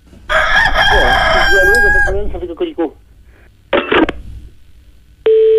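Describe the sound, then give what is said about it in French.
A rooster lets out one long, loud crow, followed by a few short clucks, then a brief pause before a steady electronic telephone tone begins. “Ah ben ça cocorico tout le temps.”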